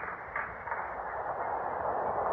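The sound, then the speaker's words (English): A subway train rumbles into the station, a steady roaring hiss of wheels and motor that swells slightly louder as it draws near, with no voices over it. “The train's coming.”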